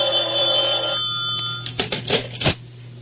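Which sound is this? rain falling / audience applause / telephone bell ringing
telephone bell ringing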